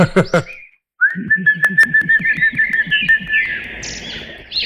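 A small pet songbird sings a long, warbling whistle-like trill after a brief burst of sound, with a steady rapid pulsing patter beneath it.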